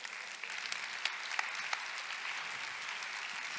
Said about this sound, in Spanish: Ahora hay que ver. ¿Por qué estás aplaudiendo?